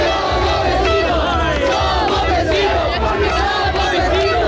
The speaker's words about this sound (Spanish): Somos en el Vecinos, lo oyen también en el Peñón, noche de celebración, aplausos y claxon.